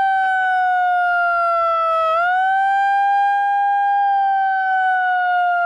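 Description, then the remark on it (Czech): A small portable handheld siren, used by a protester trying to disrupt an opening ceremony, wails loudly with a steady, shrill electronic tone that dips briefly and then rises again, sounding continuously for several seconds with no talking over it. “Jeden z protestujících se pak snaží znemožnit zahajovací ceremoniál s malou přenosnou sirénou.”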